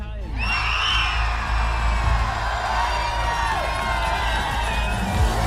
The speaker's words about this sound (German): So, und es sind nicht die 9 mehr, die wir hier haben, die jubeln, sondern hunderte glückliche Menschen in Ötigheim auf dem Platz hier vor dem Rathaus. Unglaublich. Herzlichen Glückwunsch, Ötigheim!